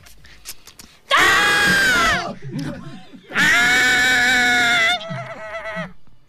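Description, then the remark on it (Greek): A person shrieks in a loud, high, strained scream mimicking a white hare's cry, two sustained bursts of about a second each separated by a brief pause, followed by softer vocal noises. “Αν ένας λευκός λαγός σε κοιτάξει στα μάτια και αρχίζει και βγάζει μια κραυγή όπως αυτή που σας κάνω τώρα, ειλικρινά σας μιλάω, τρέξτε.”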